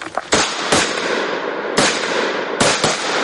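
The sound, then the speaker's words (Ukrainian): Five sharp, loud gunshots fired at a target during civilian military firearms training ring out at uneven intervals, each a sudden crack followed by a wash of echoing noise, with no voices. “5 пострілів в мішень, вогонь!”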